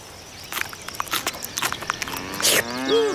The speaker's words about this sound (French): Les vaches